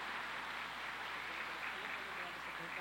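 A crowd applauds steadily for about three seconds, a dense, even wash of many hands clapping with no pauses and no clear voices over it.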